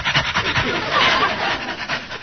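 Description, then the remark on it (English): A man imitates a dog panting, copying what a dog does: quick, rhythmic breathy huffs, fairly loud, repeating steadily for a couple of seconds with no words. “Well, he's panting, so I'll pant.”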